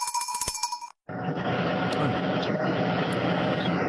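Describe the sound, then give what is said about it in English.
A tractor engine drones loudly and steadily inside the cab while preparing ground for planting about 30 kilometres west of Mackay, a continuous rumble with a rough mechanical texture, starting after a brief silence that follows some ringing tones. “The noise is what? In a tractor, just getting some ground ready for planting.”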